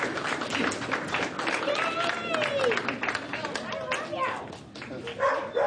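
A dog barks several times amid a busy crowd at a graduation ceremony in a prison visiting room for dogs trained by incarcerated trainers, with scattered clapping and people chattering and calling out, the noise fairly loud and continuous throughout.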